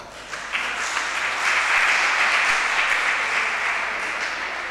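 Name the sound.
audience applause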